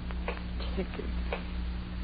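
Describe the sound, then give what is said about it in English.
A steady clock ticking at night, soft clicks spaced about a third of a second apart, heard over a low constant hum. “Ticking.”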